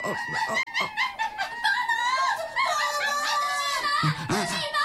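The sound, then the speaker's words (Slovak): A chorus of shrill, overlapping screeches and chattering calls from monkeys fills the whole stretch loudly and continuously, with rising and falling piercing cries. “A to je, prosím, zase čo? Opice.”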